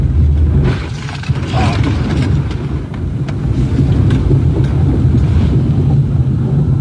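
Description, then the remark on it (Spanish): A loud, continuous roar of rushing floodwater, a dense low rumble that barely lets up, with a few sharp knocks and clatters breaking through as a white utility pickup truck with its driver is swept along, another vehicle carried quickly down beside it. No voices. “Lo que podemos ver es cómo el agua va llevándolo con su camioneta de color blanco, solamente para reiterar cómo la fuerza con la que bajó el agua en esa zona, incluso se logra ver otro vehículo a un costado del suyo que va bajando a rápida velocidad”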